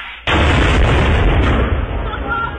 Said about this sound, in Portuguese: É granada, porra!